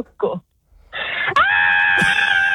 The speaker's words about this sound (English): Scream for the machine in Mount Barker. Go for it. No, I don't think that's a loud enough scream. Are we going to give you one more chance?